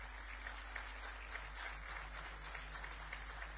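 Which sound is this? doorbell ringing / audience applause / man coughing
audience applause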